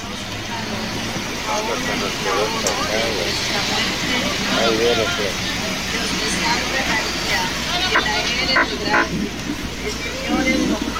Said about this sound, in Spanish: Esperemos un momento, la caravana está empezando a descongestionar el tránsito. Esperemos un momento. Santa María, Madre de Dios. Es bastante peligroso, ¿no? También hay muchos vehículos que están intentando pasar